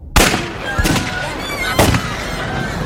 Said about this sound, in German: Kaum war ich auf dem Weg zur Apotheke, als ich es knallen hörte. So ähnlich wie bei dem Feuerwerk, das die Kinder zu Weihnachten abbrannten.